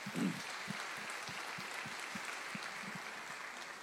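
A church crowd applauds steadily as their bishop is called up to the altar, a dense wash of clapping with soft rhythmic thumps running underneath, holding at a fairly even loudness throughout with no one speaking.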